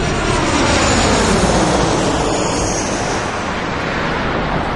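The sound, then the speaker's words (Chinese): A loud, steady roar of an airplane landing at Gonggar Airport in Tibet, its engines rumbling with a broad, constant whoosh that fills the whole stretch without pause or voices. “飞机降落在贡嘎机场了。”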